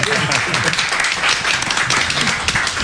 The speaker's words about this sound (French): Bah ouais, on applaudit pour le DJ.